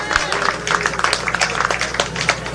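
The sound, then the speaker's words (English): A crowd of workers breaks into a round of applause for their president, dense overlapping claps crackling steadily for the whole stretch at a fairly loud level, with some voices mixed into the clapping. “workers would have gotten a great victory from our president, and we appreciate him, so we want to give a big round of applause again for him, comrades.”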